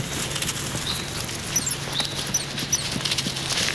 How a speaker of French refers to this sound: Je marche dans le silence d'une grande forêt, au pied des Pyrénées, dans le sud-ouest de la France. J'entends quelques gazouillis d'oiseaux et le bruit de mes pas sur les feuilles.